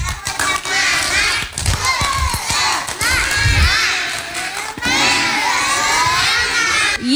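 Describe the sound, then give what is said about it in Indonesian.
A group of children loudly shout and chant a 'tepuk semangat' (spirit clap) cheer together, with sharp hand claps punctuating their rhythmic chant, energetic from start to finish. “Coba tepuk semangat dulu gimana?”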